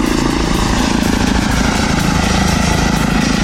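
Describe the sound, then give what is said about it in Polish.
A small electric airplane drones overhead with a steady, even propeller hum and whirring motor, holding at a constant level throughout with no voices. “No, w porównaniu do helikoptera jest mega cichy.”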